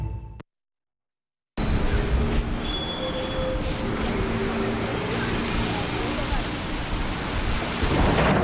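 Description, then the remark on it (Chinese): Steady, heavy rain pours down with a dense, continuous hiss that begins abruptly after a brief silence and continues without a break to the end. “快点儿，下雨了，咱们打车吧。”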